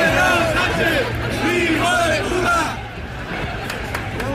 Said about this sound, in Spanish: Este 12 de octubre de nuevo se han escuchado gritos e insultos contra el presidente del gobierno en el desfile por el Día de la Hispanidad.